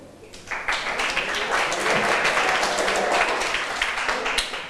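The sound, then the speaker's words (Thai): Students in a classroom clap together for their classmates as group 4 is invited up, a steady, dense, loud burst of applause lasting several seconds, with no talking over it. “ถัดมาขอเชิญกลุ่มที่4ได้เลยปรบมือให้เพื่อนหน่อยค่ะ”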